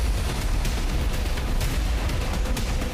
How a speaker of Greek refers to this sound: Ισχυρές εκρήξεις από την κόλαση φωτιά συντάραξαν το μεσημέρι τα εξαμήλια Κορινθίας. Έγινε πάρα πολύ μεγάλη έκρηξη, σκεφτείτε, και έσπασαν τζάμια. Μια πολύ μεγάλη έκρηξη, εγώ καθόμουν στο σπίτι μου και έφυγα τις χαρέκλες.